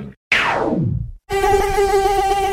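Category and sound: insect, mosquito buzzing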